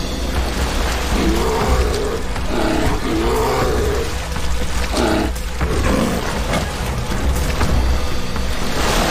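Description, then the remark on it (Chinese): Deep, growling roars of the largest brown bears fighting each other in direct competition by a river, rising and falling in several rough bursts over a steady wash of rushing water, with no talking. “体格最大的棕熊发现自己处于直接竞争之中，战斗开始了。”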